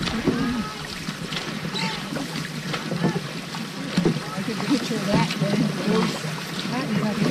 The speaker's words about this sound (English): And on the third day, rowing against rain and a strong headwind, five dragon boats pull up to the dock in Appleton. 80 paddles rest.